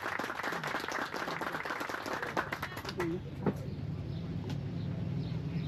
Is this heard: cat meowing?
no